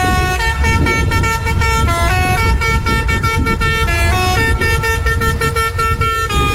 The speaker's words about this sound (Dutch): legden toen 4 dagen lang het werk neer omdat ze een speciale klakson van hun brandweerwagen niet meer mochten gebruiken van de leiding. Ze waren zo boos dat ze de brandweerpost dichtgooiden. NH Nieuws ontdekte dat het om deze toeter ging.